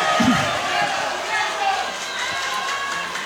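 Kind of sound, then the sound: crowd, audience applause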